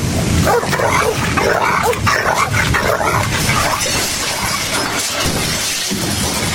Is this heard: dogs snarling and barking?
yes